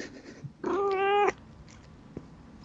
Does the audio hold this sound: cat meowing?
yes